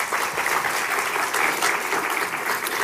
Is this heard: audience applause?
yes